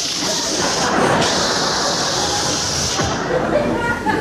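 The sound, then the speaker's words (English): A voice makes a long, steady hissing "shh" sound, like air escaping from a balloon, held for several seconds at a fairly loud level. “And he was a clever little balloon because he didn't want to look conspicuous himself, and he decided on his way out of the room he'd let some of the air out of himself.”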